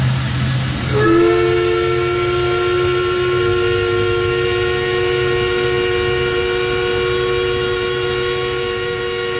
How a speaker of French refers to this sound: C'est le sifflet de la papetière de Corner Brook, un bruit que vous avez peut-être reconnu si vous êtes déjà allé dans l'ouest de Terre-Neuve.